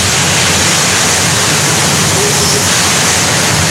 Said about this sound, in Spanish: cómo es relajante escuchar el sonido del mar, de las aguas, y dices, wow, qué bonito es la naturaleza, qué bonito es el mar, ir disfrutando de las olas, ir disfrutando de un viaje donde vas con tus amigos.